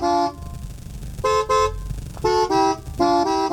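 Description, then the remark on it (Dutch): A car horn, honked by a person in the car, plays a short song tune for a guess-the-song quiz: several loud, brassy honks at shifting pitches, some paired in quick succession, separated by brief pauses over a low background rumble. “Wel een beetje een zielig toetertje.”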